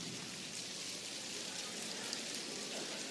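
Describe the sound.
A dense, steady patter of many people in an audience tapping fingers against their palms, imitating the soft hiss of light rain beginning to fall on the countryside, continuous and even with no talking.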